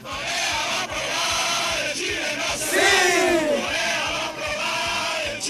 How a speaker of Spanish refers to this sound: la canción que estaban coreando era esta, miren, escuchen ustedes.